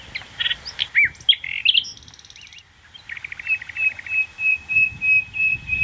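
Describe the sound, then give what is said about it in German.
A nightingale sings alone, clear: a varied run of sharp whistles and chirps, a brief buzzy trill, then a long series of rapid, rhythmic repeated notes; a recording played at the push of a silver button, of a bird once heard in the heath and now nearly vanished there. “Nachtigall.”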